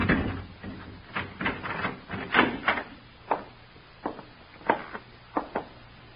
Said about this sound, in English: Keys, sir? Yes, Larry gave them to me months ago. Go on, open the door.